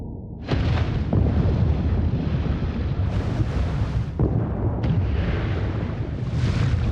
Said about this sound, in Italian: Tutti cercano di andare più in profondità, sperando di sfuggire al rumore. Ma è inutile. A 1000 metri di profondità, la madre ha sentito le esplosioni. Interrompe la caccia e torna in superficie.